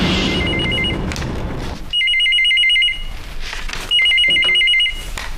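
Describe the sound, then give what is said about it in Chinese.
A telephone rings on the evening of April 16 with a rapid trilling electronic tone in bursts about a second long, separated by short pauses; the first ring is faint under background noise, the next two clear and loud. “4月16号的晚上， 我接到了一个电话。”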